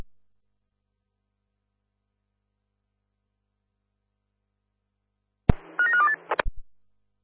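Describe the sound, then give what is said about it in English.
After a long silence, a click leads into a quick burst of several telephone dialing tones as a phone call is placed, about a second of rapid high touch-tone beeps, followed by another click. No one speaks. “Oscar 1, stand by for a phone call.”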